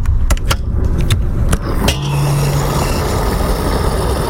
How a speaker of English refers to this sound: Here at the gas station right now, and if you, like many Americans, fill up your car with gas